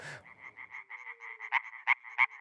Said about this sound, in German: Mithilfe dieser Schallblase kann ein einzelner europäischer Laubfrosch bis zu 90 Dezibel erreichen, lauter als ein Staubsauger.